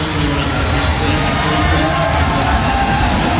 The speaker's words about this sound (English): Listen to that home crowd from Scotland, Finlay Graham.